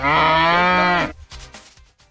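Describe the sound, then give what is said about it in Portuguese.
A single loud, drawn-out moo from an ox lasts about a second with rich harmonic tone, then fades into quieter background noise with faint murmuring. “você tá pondo um boi aí.”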